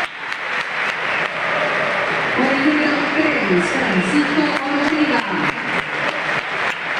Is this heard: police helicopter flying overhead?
no